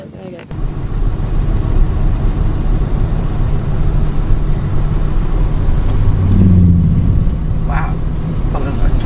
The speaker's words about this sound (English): And a boat. I've seen that before.